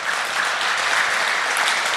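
A crowd claps steadily, a dense, even wash of many hands at constant loudness with no voices standing out.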